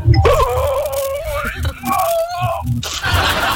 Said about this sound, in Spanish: Las mujeres, queremos escuchar bostezar a la mujer, a ver.